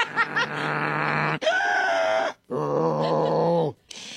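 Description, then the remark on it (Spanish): A person who uses a CPAP machine imitates their own small snoring, like a little pig rather than a big snore, with a few loud, voiced, piggy snorts and groans in quick succession, each burst separated by a short pause. “Sí, como puerquito, no, porque uso la máquina, pero así como puerquito, sin más. Así chiquito, no ronquidote”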